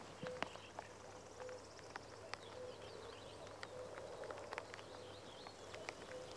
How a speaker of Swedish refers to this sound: Så att, och göken ropar där bakom dig så att nog känns det som maj i ljudbilden. Ja, nu är göken igång. Ska vi lyssna lite?